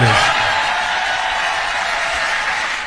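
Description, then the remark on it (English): An audience applauds Robert De Niro after he says he can't love a country led by Donald Trump, a dense, steady wash of clapping that holds at an even loudness for about three seconds before cutting off abruptly. No one speaks over it. “Listen to the round of applause.”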